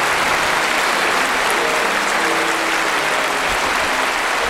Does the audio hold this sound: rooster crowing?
no